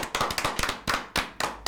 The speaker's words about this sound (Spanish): Sigan, sigan aplaudiendo.